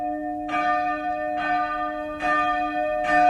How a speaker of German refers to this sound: Das Glockengeläute, das hat einen bestimmten Ton gehabt. Die kleinste, die zweitkleinste, bis zur grossen Glocke. Und je nachdem, was für ein Fest war, hast du das Glockengeläute, das hast du im Ohr.